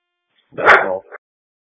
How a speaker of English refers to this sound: there's a dog barking in the background.